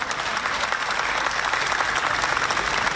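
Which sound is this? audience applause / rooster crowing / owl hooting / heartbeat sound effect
audience applause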